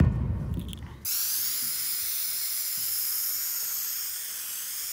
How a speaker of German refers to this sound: Im nächsten Schritt tragen wir den Haftgrund für unsere Abdichtung auf und es wird hier mit der Sprühlanze und dem Druckbehälter gemacht.